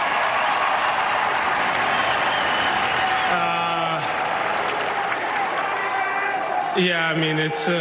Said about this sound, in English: So what do you have to say to this crowd that actually stayed here cheering for you? I heard a lot of USA chants. I heard a lot of gold bends.